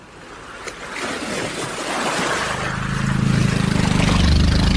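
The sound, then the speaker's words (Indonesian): Fishing harbor ambience at dawn at the dock of the Tanjung Pasir fishing village in Tarakan, North Kalimantan, where fishing boats are moored: steady washing water and surf, joined partway through by a low, throbbing boat engine that grows louder toward the end. No one speaks. “Tampak beberapa kapal nelayan bersandar di dermaga Kampung Nelayan Tanjung Pasir Tarakan, Kalimantan Utara.”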